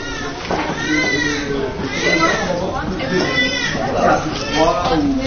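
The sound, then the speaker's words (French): Several babies wail continuously in a maternity nursery during morning care time, with overlapping, high-pitched cries, fairly loud, with no pauses across the whole stretch. “Mais on entend déjà crier. On va passer devant la nurserie.”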